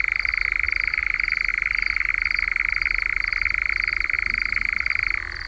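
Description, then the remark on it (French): A nightjar, heard at around 10 pm during an evening outing while it hunts, gives its purring churr: one long, even, mechanical trill of very rapid pulses, steady in pitch and loudness for about five seconds before stopping. No voices are heard. “On l'entend aussi, donc, pousser ce ronronnement que je vous fais entendre depuis un moment.”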